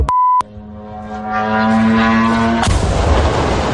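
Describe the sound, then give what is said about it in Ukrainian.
A brief electronic beep gives way to the steady, buzzing hum of a drone engine that swells louder, then a sudden loud blast erupts into rough, rumbling noise. No one speaks. Several drones strike a 176,000-square-metre Wildberries marketplace warehouse in Khryastovo, near Vladimir, Russia, setting it on fire. “У склад на 176 тисяч квадратних метрів влітає щонайменше кілька дронів.”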